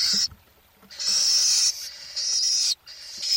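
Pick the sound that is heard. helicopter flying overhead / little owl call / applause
little owl call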